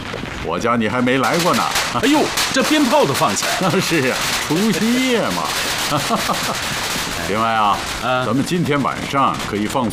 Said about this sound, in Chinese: 哎呦，这鞭炮都放起来了。 那是啊，除夕夜嘛。